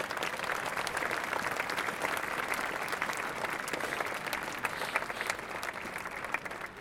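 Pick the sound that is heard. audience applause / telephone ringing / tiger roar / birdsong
audience applause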